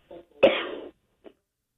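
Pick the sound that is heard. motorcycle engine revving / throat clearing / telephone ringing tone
throat clearing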